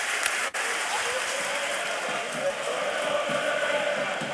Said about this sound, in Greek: Και το χειροκρότημα φυσικά από την εξέδρα.